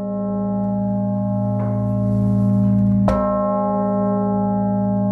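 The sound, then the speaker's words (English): The bishop's bell in the northern tower of the Cathedral of Saints Peter and Paul in Brno, cast 1852, nearly 4,000 kg, 187 cm wide, tuned to A flat, rings with a deep, sustained hum and rich layered overtones, a fresh strike landing about midway and blooming before the tone slowly fades. No voices. “Among other things, people will also be able to hear the bishop's bell from the northern tower of the Cathedral of Saints Peter and Paul, which is otherwise silent.”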